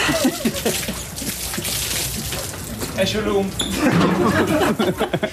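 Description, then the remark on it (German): Beer is poured from a cup over a player celebrating a championship title in Magdeburg; the liquid splashes and pours in a quick, fairly loud burst, with voices talking and reacting over the rushing, spattering sound. “Kollege Lagergren spendierte die obligatorische Bierbecherdusche.”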